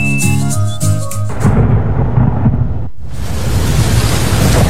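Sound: thunderstorm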